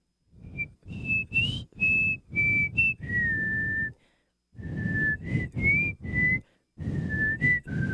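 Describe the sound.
A person whistles a bright, high melody in short phrases of distinct notes with brief pauses between them, a breathy rush audible beneath the tones.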